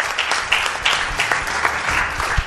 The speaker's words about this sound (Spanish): pásale la vice-leche a nuestro productor, y aquí os pido un aplauso para él. Viene desde Jaén solamente para estar con nosotros.